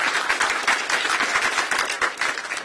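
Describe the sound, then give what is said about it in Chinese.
An audience claps together during a sermon to give glory to the Lord, in a steady, dense wash of handclaps: many overlapping sharp slaps sustained at an even loudness throughout, with no voices standing out. “愿意的拍手把荣耀归给主吧，大声一点，大声一点。”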